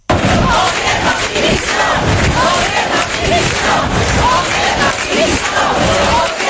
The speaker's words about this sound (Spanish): Aunque se trató de desvincular las concentraciones de cuestiones partidistas o ataques al gobierno de España, sí pudieron escucharse gritos en contra de Pedro Sánchez.